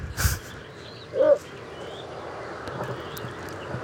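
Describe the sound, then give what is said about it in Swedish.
A single short, hoarse croak from a little bittern, a small heron-like bird, low and harmonic-rich, rising out of a steady faint background hiss after a brief noisy thump at the start. “Smyger upp den här i bakgrunden. Så låter den, ja.”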